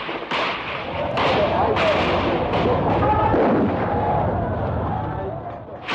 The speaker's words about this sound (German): Doch plötzlich eröffnete derselbe Polizist, der die Tränengasgranate geworfen hatte, das Feuer auf die Schüler.